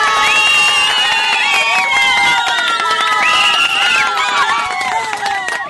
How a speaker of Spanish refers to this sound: Y ya para antes de despedirnos, un fuerte aplauso para todas nuestras mamitas de todo el mundo entero.